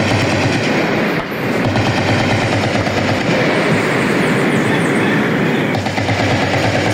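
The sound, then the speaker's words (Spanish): Loud, sustained bursts of rapid automatic gunfire from an attack on the army base in the upper part of Insá, Cauca, in the early morning, crackle almost without pause for several seconds, with a dense, rattling texture and no voices. “Fuertes ráfagas se escuchan a esta hora de la mañana.”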